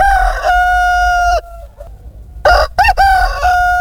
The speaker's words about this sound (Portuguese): O galo canta, é sinal de que o dia amanhece, tá na hora de tratar da galinhada.